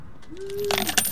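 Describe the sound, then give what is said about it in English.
Coins, including pennies and silver coins, clatter and jingle as they are dropped into a container as a donation to radio station KFJC, a short metallic ringing giving way to a quick burst of bright clinks, fairly loud with no talking. “And she has brought, I'm sure, some pennies, but other things, silver coins and folding money.”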